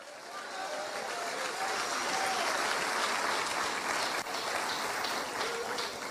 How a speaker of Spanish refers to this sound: Demos un aplauso si somos la luz del mundo.